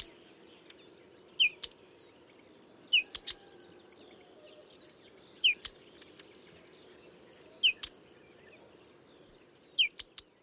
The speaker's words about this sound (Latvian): Čakstināšana lukstu čakstītes gadījumā gan ir uztraukums sauciens, tāds īčak-čak, ko var vasaras otrajā pusē bieži dzirdēt lukstu čakstītei piemērotās vietās. Tas nozīmē, ka kaut kur tūmā ir ligzda vai mazuļa un pieaugušie putni ir satraukušies.